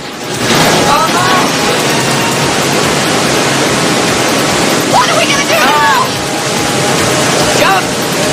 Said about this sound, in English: The rapids pick up, and the pair spot a waterfall up ahead.